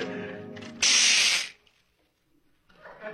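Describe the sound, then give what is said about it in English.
A kitchen clock being wound: a loud, harsh ratcheting rasp lasting under a second, after a buzzing mechanical drone. A pause follows, then a softer grinding sound at the end. “Oh, almost forgot to wind the kitchen clock.”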